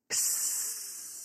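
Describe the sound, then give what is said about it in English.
A voice imitates a chameleon's hiss: one sharp, steady burst of breathy hissing that starts abruptly and holds for about a second, fairly loud, with no talking. “Maybe you can tell, but chameleons don't purr. They hiss. Yep, like this.”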